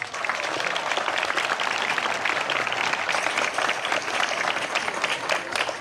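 A crowd applauds steadily, a dense, even wash of many hands clapping at a consistent loudness for about six seconds with no voices rising above it.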